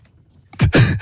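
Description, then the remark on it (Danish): After a brief hush, two loud, rasping snores follow in quick succession, each a harsh breathy burst with a low rumble: a snoring recording made with a phone's voice memo app, played back with the volume turned up in the P3 radio studio. “I skal høre det her snork her.”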